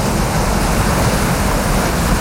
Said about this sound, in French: vous entendez la plage, la mer, les vagues, on va où ? Madagascar.